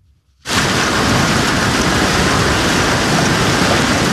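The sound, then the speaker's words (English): Heavy rain and hail pour down in blinding sheets during severe storms in parts of Minnesota, a dense, steady roar that begins abruptly after a brief quiet moment and continues loud and unbroken, with no voices. “Earlier today, blinding sheets of rain and hail hit parts of Minnesota.”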